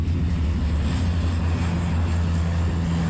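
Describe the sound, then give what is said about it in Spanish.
The steady, loud propeller engine of a firefighting seaplane drones continuously with a deep low hum and a broad roar as it passes overhead, with no voices. “también brigadas forestales y dos hidroaviones que ayer recogían agua en el pantano de Ullíbarri-Gamboasi.”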